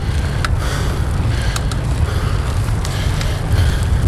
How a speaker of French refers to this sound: Je suis sur mon vélo, en train de grimper le col du Galibier. J'ai posé mes micros sur mes mains. J'espère que le vent laisse entendre ma voix.